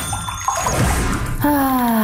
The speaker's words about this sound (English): We can't stop you from dropping your phone in the bathtub. Oh, no. Again.